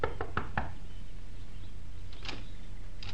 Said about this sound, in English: Within the hour, she was knocking at the door of a small shack on the outskirts of the village.